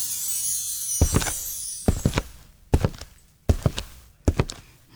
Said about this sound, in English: No, that is someone walking with, like, that's someone walking with Cuban heels.